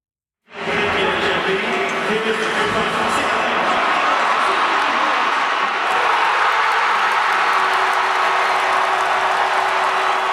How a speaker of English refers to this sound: Well, the crowd was on fire last night at the Videotron Center in Quebec City. More than 15,000 fans were gathered there for a watch party to catch Game 5 of the playoff series between the Montreal Canadiens and the Buffalo Sabres.